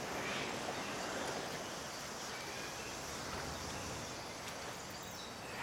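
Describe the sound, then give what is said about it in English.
A steady, hissing wash of water, small waves lapping at a beach shoreline, continuous, with no voices and only faint swells in the surf noise. “leads the way back to the beach, walks down to the water's edge, and sits in the shallows with his back to the rest.”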